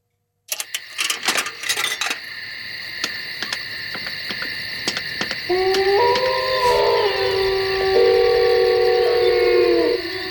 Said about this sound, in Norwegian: Blanding av varulv, eller ulvehyl og telefonoppringning der.